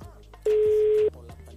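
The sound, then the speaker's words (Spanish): A steady telephone line tone sounds for about half a second in the middle as a call is being placed, loud and clear over a low background hum, with faint room noise before and after. “Me queda grande, pero vamos llamando ahí.”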